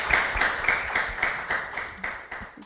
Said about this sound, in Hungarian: Hát nagyon szépen köszönjük a tanúságtételedet, és egy tapssal köszönjük meg.